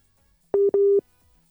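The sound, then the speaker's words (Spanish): Two short electronic phone tones sound back to back, steady and clear, a brief beep followed by a slightly longer one, with silence around them and no voices, as Caracol Radio tries to restore a WhatsApp call connection. “eso nos genera algunos problemas de conexión, pero ya vamos a intentar restablecer la comunicación”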